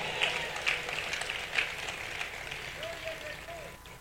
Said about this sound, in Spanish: Alguien denle el aplauso a Cristo Jesús.